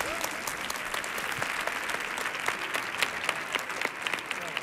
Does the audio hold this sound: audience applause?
yes